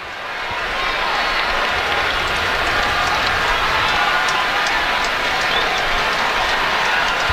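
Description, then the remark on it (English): A steady wash of baseball stadium crowd noise at a Dodgers game, a broad murmuring roar with scattered claps and faint calls rising through it, holding at an even, fairly loud level throughout as the crowd settles in for the Dodgers to bat. “Crowd settling in, ready for the Dodgers up.”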